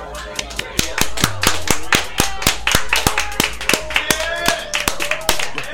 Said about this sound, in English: You got to avoid clapping right into the mic. Oh yeah, that was really loud. I'm a mic clapper.